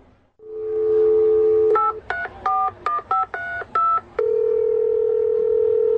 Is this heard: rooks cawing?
no